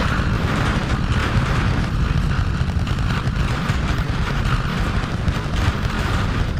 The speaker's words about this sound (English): Seconds into flight, 33 out of 33 Raptor engines lit on the Super Heavy booster arcing away from us here at Starbase.